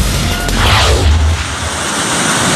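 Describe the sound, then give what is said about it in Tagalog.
A loud, steady roar of rushing river water with a deep low rumble underneath, continuous throughout, with no voices: a river flowing beneath a damaged bridge of bamboo, planks and cable in Bongabong, Oriental Mindoro. “Sa ilalim ang humaragasang ilog.”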